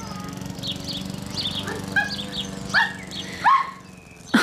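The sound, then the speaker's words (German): A lively dog belonging to a woman's husband barks in a handful of short, sharp yelps spaced irregularly over a few seconds, against a steady low hum in the background. “Ja, ganz schön lebhaft. Wie halten Sie denn das aus mit dem Hund?”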